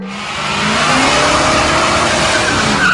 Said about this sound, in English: Nice burnout, dude! That guy's gonna need new tires. Two of them for sure.